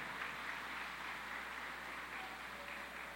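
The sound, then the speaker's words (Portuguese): Steady applause from a crowd for the winner of a Bible drawing at a celebration, a dense, even wash of clapping that holds at a moderate level for the full three seconds, with no voices over it. “Salve de palmas para a ganhadora.”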